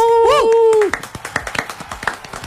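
A sustained, wavering whoop or whistle gives way to a short burst of scattered, uneven applause from a small group, the claps crisp and irregular.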